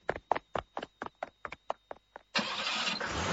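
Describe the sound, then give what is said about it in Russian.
A car starter cranks in a quick, even series of about ten whirring pulses, then the engine catches and settles into a steady, rumbling roar that continues to the end as the car pulls away. “Когда машина тронулась, мама Кати возбужденно заговорила.”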